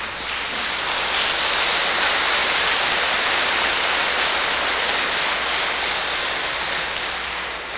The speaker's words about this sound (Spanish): Yo creo que todos ustedes se merecen un fuerte aplauso en virtud del agradecimiento.